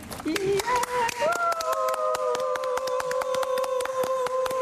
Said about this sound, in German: werden jetzt schon mal applaudieren